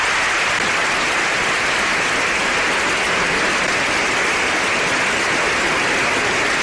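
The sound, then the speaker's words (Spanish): Legislators of different political groups rise in a parliament chamber to give the pontiff a prolonged standing ovation, clapping in a dense, steady roar, loud and unbroken from start to finish, with shouts of support. “Legisladores de distintas corrientes políticas se pusieron de pie para brindarle una prolongada ovación, mientras el recinto se llenaba de aplausos y gritos de apoyo.”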